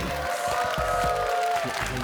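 Steady, dense audience applause for a team's song-and-dance stage performance fills the whole two seconds at an even loudness, with a thin sustained tone ringing faintly above the clapping.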